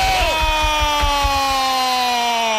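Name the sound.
stadium crowd cheering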